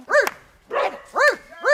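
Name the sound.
woman imitating dog barking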